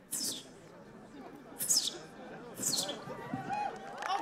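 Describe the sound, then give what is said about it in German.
A contestant in a bird-call imitation contest imitates a sparrow's call with three sharp, high-pitched chirps that slide downward, spaced about a second apart, over a steady murmur of audience chatter. “Nicht alle Nachahmungen überzeugten, wie beim Spatz. So klingt das Original. Und so die Nachahmung.”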